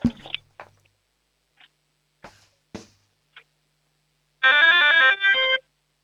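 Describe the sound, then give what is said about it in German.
A few scattered clicks and taps, then a loud electronic doorbell plays a short bright melody of stepping tones, pausing briefly before its final notes. No one speaks. The doorbell is presented by an 8-year-old boy from the state of Vorarlberg. “Das ist ja eine mega coole Türglocke.”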